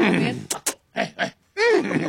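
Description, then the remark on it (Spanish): A person vocally imitates a trained show horse, with a voiced grunt, two sharp breathy snorts, a pair of short hums, then a longer wavering whinny-like cry. “Y aquí tengo a uno de mis caballos amestrados.”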